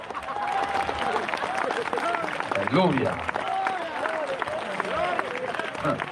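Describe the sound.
An audience at a church sermon applauds with steady, dense clapping that runs throughout, while voices speak and call out over the crowd noise.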